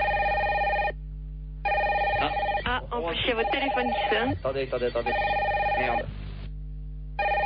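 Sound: telephone ringing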